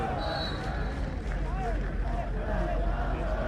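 A small group of visiting Irish fans, families and friends, cheers and shouts over a steady murmur of a large, hushed home crowd at a match where the Cardinal trail by two goals, the noise holding at a constant level without a big swell.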